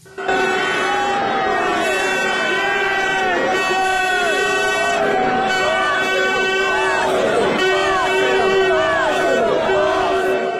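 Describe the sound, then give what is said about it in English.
Thousands of Arsenal fans celebrating in the streets of North London after their club's first Premier League win in 22 years: a loud, continuous roar of many voices shouting and cheering, with steady horn-like tones droning underneath the whole time. “North London is painted red as thousands of Arsenal fans line the streets to celebrate their club's first Premier League win in 22 years.”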